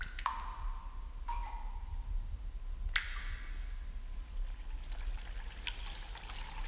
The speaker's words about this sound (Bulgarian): Ето и изворчето. А водата е много хубава, аз вече пих от нея.